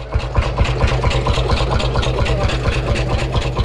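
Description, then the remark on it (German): A single-cylinder Lanz Bulldog tractor engine idles steadily, chugging in a loud, even low thump of about four beats per second, with no other sounds, recorded not far from the Baltic Sea. “Jo, klar, das ist doch ein Trecker. Ich glaube, das ist ein Lanz Bulldog. Das ist ein Einzylinder, deswegen dieses tuckernde Geräusch.”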